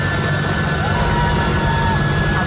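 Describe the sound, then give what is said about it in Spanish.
A jet airplane engine roars loudly and steadily as a chartered evacuation plane takes off from an airport in Afghanistan, a dense, continuous rumble with a high whining tone riding on top, unbroken throughout. “Intentando aferrarse a los aviones fletados para sacar del país únicamente a extranjeros y que terminaban cayendo y estrellándose contra el suelo una vez que los aparatos emprendían el vuelo.”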